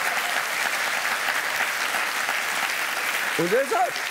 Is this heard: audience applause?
yes